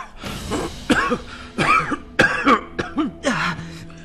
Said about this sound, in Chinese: 剧烈咳嗽。